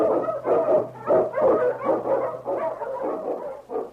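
Sled dogs, led by King, an Eskimo lead dog, bark and howl in a steady, overlapping chorus as they blaze a trail through storm and snow in the Yukon, a rapid run of yelping bursts, with a faint low hum underneath and no one speaking.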